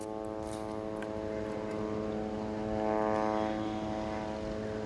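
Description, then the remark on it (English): A steady, droning engine buzz hangs overhead, the sound of military drones in the sky over Gaza City, Gaza, holding a constant pitch with a slight swell partway through, with no voices. “The drones buzzing in the sky are continuous, and the attacks against the Palestinians in the Gaza Strip continue.”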